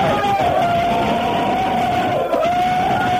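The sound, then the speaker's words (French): A group of students in a corridor shouts loudly all at once, a dense, continuous roar of voices lasting a few seconds with one steady, piercing note held through it. “Allez, gueulez un coup là!”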